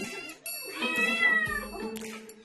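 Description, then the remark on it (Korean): Four cat siblings, Sarang-i and its siblings, meowing insistently in protest while their owner eats dinner: a string of drawn-out, high, wavering meows that rise and fall over each other with no talking, sounding like complaints or demands. “하지만 사랑이 사남매의 항의가 계속 이어집니다.”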